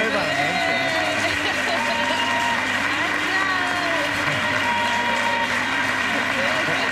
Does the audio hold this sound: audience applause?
yes